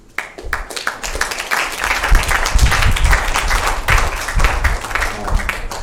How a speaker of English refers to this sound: So, round of applause again.